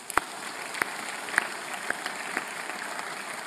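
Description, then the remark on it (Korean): A church audience applauding to God together during a worship service, a dense wash of clapping with a few sharper, louder claps popping out every half second or so, with no talking. “하나님께 박수하겠습니다.”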